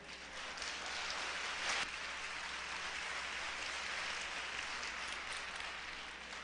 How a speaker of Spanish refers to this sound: Un aplauso para el valiente.